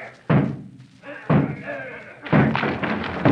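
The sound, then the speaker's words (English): The wooden door of a surrounded house is battered with three heavy, booming, loud blows about a second apart. Voices shout beneath the crashing impacts. “Down with the door, then!”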